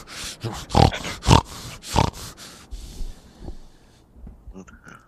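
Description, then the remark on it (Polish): A man makes loud, harsh pig-like snorting grunts, several in a quick irregular burst, then trails off into quieter breathy snuffles. A human voice imitating a pig. “No chrumka, on twierdzi, że to z nerwów i wydaje mi się, że może to być na tle nerwowym jakieś takie odruchy, taki tik nerwowy, że wiesz, on jak wkurzony jest, to zaczyna chrumkać.”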